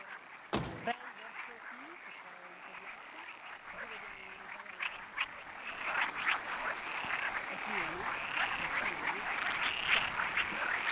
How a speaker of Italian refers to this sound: Senti le rane? Ce n'è tante?